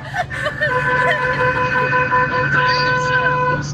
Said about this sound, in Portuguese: A buzina que eu coloquei no meu táxi novo. Nossa, que buzina mais horrível essa, hein, cara? Que buzina mais sem graça, cara.